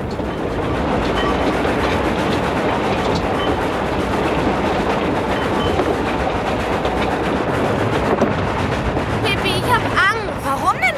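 A train rumbles along the rails, a loud continuous roar with rhythmic clatter, and brief high metallic squeals rise near the end.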